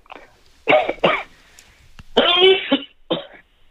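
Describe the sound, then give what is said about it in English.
Loud sneezing with no talk: two sharp bursts, a longer voiced, strained sneeze after a pause, then one final short burst. “No, just a sneeze.”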